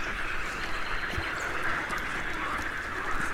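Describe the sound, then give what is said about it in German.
A marsh bird at 1:42 a.m. in marshland near Erlangen, Nuremberg or Bamberg in Franconia, Germany, gives a steady, unbroken buzzing trill that runs the whole time at an even level over a soft wash of background noise, with no one talking. “1.42 Uhr Rorschwe.”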